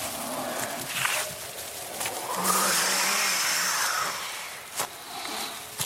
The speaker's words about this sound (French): Le vent hurle, les arbres bougent de gauche à droite.